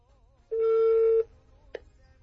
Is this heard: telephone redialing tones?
yes